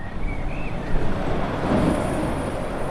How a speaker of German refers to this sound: Ein Industriegebiet im Osten der Stadt Hamm in Westfalen, im Stadtbezirk Üntrop. Es ist früher Abend und es ist wenig los. Nur gelegentlich rauscht noch ein LKW die Straße entlang.